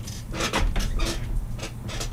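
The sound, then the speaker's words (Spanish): A chair, new as of last year, in a radio studio creaks and groans under someone's weight in a series of uneven strains and squeaks, with no talking over it. “Escuchen ya cómo está sonando la silla.”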